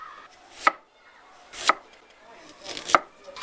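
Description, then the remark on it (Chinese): Three heavy cleaver chops land as an old hen is hacked into pieces for ginger chicken soup, at an uneven pace about a second apart, each a sharp thwack against a board, with no talking. “老姜炖鸡汤，鸡肉斩块，下锅煸炒，下清水、姜片、红枣、枸杞，猛火炖煮40分钟，便是家常美味。”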